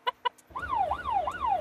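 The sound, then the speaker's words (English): An ambulance job alarm calling the crew to a category 2 job in Sidmouth: two short, buzzy beeps, then a loud electronic tone that sweeps downward over and over in quick, even cycles. No one speaks. “And the job alarm sounds.”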